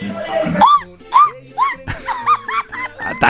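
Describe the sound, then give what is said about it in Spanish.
A festive Mexican grito given on air on Radio Gallito 760 AM on 15 September: a loud string of about eight high, yelping vocal bursts, each swooping up and down in pitch, with a brief gap before the rapid final run. “Otra vez el gritillo. Ahí le va. ¡Échale!”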